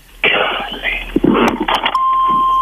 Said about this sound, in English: I'm over here on the side of the highway, man, waiting on the police to come over here and get it, do whatever they got to do and everything.